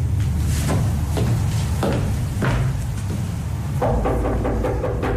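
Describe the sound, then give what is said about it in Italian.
A handful of firm, irregularly spaced knocks on a wooden door late at night, set against a steady low rumble and hum that fills the background throughout. “Chi è che bussa a quest'ora?”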